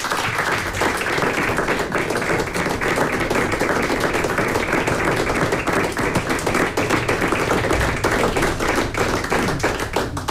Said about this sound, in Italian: E alla direttrice d'orchestra Mojce Laurenčič. Un altro grande applauso ci sta? Sì.